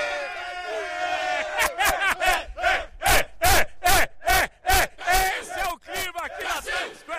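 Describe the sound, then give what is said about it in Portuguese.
A crowd of Brazilian fans cheers and chants loudly in Times Square, Manhattan, voices rising in rhythmic shouted bursts with sharp claps or drum hits punctuating the steady roar. “Deixa eu ver se tem torcida brasileira aqui em Manhattan, aqui na Times Square.”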